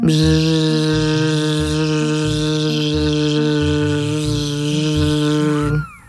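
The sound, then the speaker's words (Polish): An imitated fly buzz: a steady, low, droning bzzz held unbroken for about six seconds over a soft rhythmic pulse, then cutting off abruptly at the end. “Umiecie naśladować brzęczenie muchy?”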